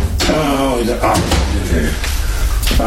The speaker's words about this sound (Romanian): Am actele aici, în casa de bani. O clipă. Ce ușă grea, deși nu e prea mare.